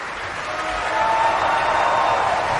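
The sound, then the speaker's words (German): Dense, sustained applause from an opera audience at a curtain call at Bayreuth for the Finnish bass Mika Kares, who sang Hagen in today's performance, a steady wash of many hands clapping that swells slightly after the first second and continues without pause. “Und jetzt noch einmal viel Applaus für den finnischen Bass Mika Kares, der in Bayreuth als Hagen, wie heute, präsent ist,”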